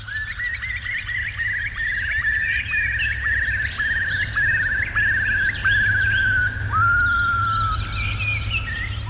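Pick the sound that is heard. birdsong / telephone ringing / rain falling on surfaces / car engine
birdsong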